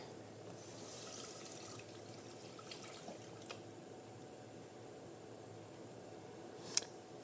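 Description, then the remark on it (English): Water runs steadily from a tap into a sink, a continuous hiss with a few clinks and one sharp clack near the end, as the cooking of black-eyed peas for a tostada is started with water. Nobody speaks. “We're going to start with water.”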